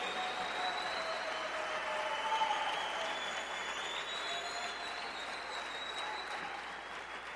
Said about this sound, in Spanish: Gracias, gracias, el aplauso al rey.